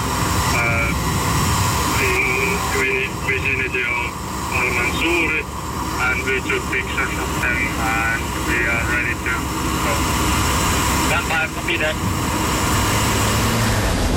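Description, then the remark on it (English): Two drones drone steadily overhead on the right side of the road, a loud continuous buzzing whine with wavering pitch over a dense roar of background noise, while indistinct voices talk underneath. “Now we are photographing the drone and then surrounding our area for a report. Two drones right side of the road.”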